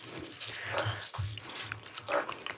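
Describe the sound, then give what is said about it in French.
Wet chewing and smacking of people eating cheesecake made with half goat cheese and half Philadelphia cheese, irregular mouth noises over a couple of seconds with no talking. “Excusez-nous, on est en train de manger.”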